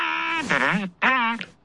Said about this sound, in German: Der Elefant hat dich geweckt.